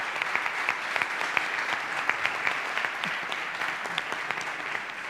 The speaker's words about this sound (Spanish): Un aplauso otra vez, este es para vosotros.